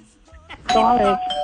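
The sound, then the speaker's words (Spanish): A doorbell rings loud, its bright sustained chime tones ringing out for nearly a second, just after someone briefly speaks. “¿Tocan timbres juntos o qué hacen?”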